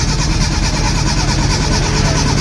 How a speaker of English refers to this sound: It sounds like the car's not starting